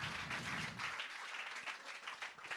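An audience claps steadily in a dense, continuous burst of applause, close and fairly loud, with a low rumble fading out after the first second.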